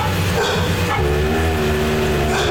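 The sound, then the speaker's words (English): Dogs growl steadily and loudly at a deer walking outside, a low rumbling snarl that continues without pause for a couple of seconds, with no other voices present. “And then what was interesting is in the middle of this conversation, a deer walks outside and they start growling at the deer.”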